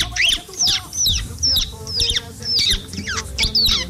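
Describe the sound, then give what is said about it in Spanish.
A person imitates a chick's chirping, a steady run of about nine shrill, high peeps in quick rhythm, fairly loud with no talking. “mi talento es, o sea, mi lado oculto de imitar un pollito.”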